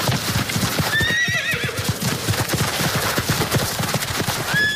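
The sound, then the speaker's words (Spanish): A horse clip-clops steadily throughout, its hooves striking in a quick, busy rhythm, while a high, wavering whinny rings out early on and another brief neigh comes near the end. “El turismo a caballo, turismo ecuestre, va ganando cada vez más adeptos.”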